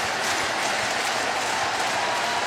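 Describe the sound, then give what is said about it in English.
A large stadium crowd at a baseball game cheers and applauds as momentum shifts to the Brewers, a steady, dense roar of clapping and voices that holds at an even, loud level throughout, with no single voice standing out. “Crowd activated.”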